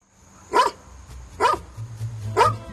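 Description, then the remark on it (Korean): A dog barks three times at a steady, evenly spaced rhythm, each bark sharp, with a low hum in the background and no one talking. “어느 집 개가 이렇게 짖는 거죠?”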